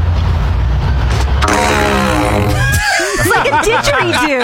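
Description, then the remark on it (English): A loud, resonant fart blown into a PVC pipe at a Lowe's store, a deep buzzing drone lasting a second or two, followed by squeaky, wavering laughter. “I have this PVC pipe, and I'm going to fart in it.”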